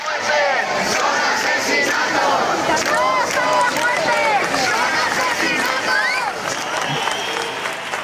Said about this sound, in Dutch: Het zijn geen sterfgevallen, het zijn moorden, roepen de demonstranten.